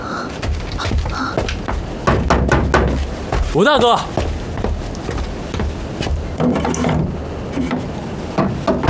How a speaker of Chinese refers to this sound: 快去敲门吧！